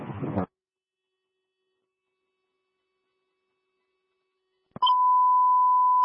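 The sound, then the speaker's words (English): A dispatch alert tone sounds as a single loud, steady beep lasting just over a second, after a short burst of radio static and a long stretch of silence. “You can send the alarm.”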